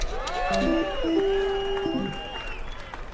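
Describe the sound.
An audience claps steadily while cheering voices and drawn-out whoops rise over the noise of the clapping, holding at a fairly even level for a few seconds before thinning out.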